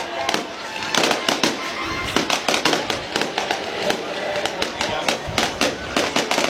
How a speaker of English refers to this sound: Absolutely awesome. I was going to celebrate with a little bit of fireworks. Man, they're still going. Wow. Right? I mean, this is a full-on show.